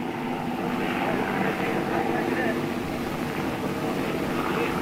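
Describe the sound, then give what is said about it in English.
A German propeller plane passes very low overhead off the Normandy beaches, just clearing a ship's stack and firing a stream of tracer, its loud, steady engine drone filling the whole recording with dense rumbling noise that never fades. “He came very low, just cleared our stack, and as he passed, he let go a stream of tracer that did no harm.”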